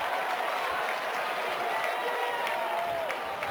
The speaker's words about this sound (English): The fake applause.